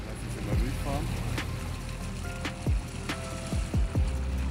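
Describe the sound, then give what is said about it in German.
A freshly restored riverboat on a romantic riverboat tour in Heidelberg cruises along with a steady low engine drone and rushing water, broken by a few brief swooping chirps over the continuous hum. “Auf diesem Boot werden Erinnerungen wach”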